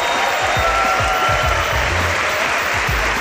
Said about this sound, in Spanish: Hola a todos, bienvenidos a Punto de Fuga desde este Teatro de la Latina de Madrid con un maravilloso público que quiero que se le escuche desde casa. Por favor, un fuerte aplauso para que les escuchen desde casa.